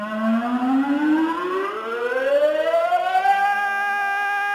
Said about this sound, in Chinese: 9月18号上午10点，全省各地同时拉响防空警报。